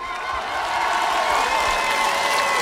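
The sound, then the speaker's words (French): A large audience gives a thunderous round of applause for choreographer Stéphanie de Freitas, clapping steadily and loudly with scattered cheers and whoops in a dense, continuous wash that holds its intensity throughout. “Je vous demande de faire un tonnerre d'applaudissements pour madame Stéphanie de Freitas.”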